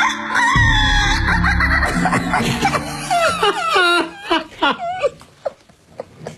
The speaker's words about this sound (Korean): 저거 혹시 새벽 5시쯤에 닭 우는 소리 들은 분 계실까요? 아, 저요. 저 들었어요. 아니, 우리 집에서도 들려요.